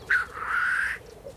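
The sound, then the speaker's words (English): A black grouse calls at a lek during the mating season: one drawn-out, fairly loud, hoarse call lasting under a second, with no talking, then faint background calling. “The Black Grouse Lek.”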